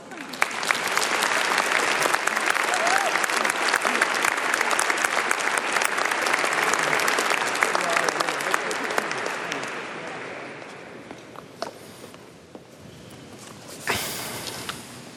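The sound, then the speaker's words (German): A large audience in a full church claps steadily for about ten seconds to welcome a priest, a dense wash of applause that gradually thins into scattered claps and fades, with a brief rustle near the end. “Lieber Pater Klaus Einzle, wir sind sehr gespannt. Großen Applaus.”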